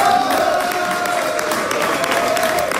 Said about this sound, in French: C'est sous les acclamations de ses partisans que Diane Dallaire a célébré sa victoire.